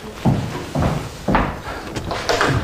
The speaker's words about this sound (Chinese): 那就多喝点儿，来，再来，我去开门。